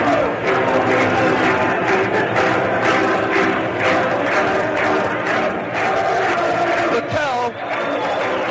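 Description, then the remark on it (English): A huge crowd of about 45,919 fans at a White Sox baseball game roars continuously, with a mass of voices singing a repetitive na-na goodbye chant that swells and grows louder as more fans join in, through the dense, loud noise. “Chorus of na-na goodbyes sneaking through the crowd, getting louder and louder as the fans start to catch on.”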